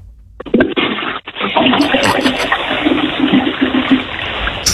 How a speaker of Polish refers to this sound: Słuchajcie, to jest pierwsze ogólnopolskie intencyjne spuszczanie wody. Tego jeszcze nie było. A Polska ma ponad 1000 lat.